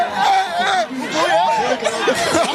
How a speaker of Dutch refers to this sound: Hier wordt geschreeuwd. En iedereen is blij. Ik zie mensen schreeuwen. Ja, echt een ontlading.